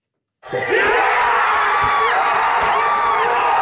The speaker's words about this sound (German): Der Jubel ist gross.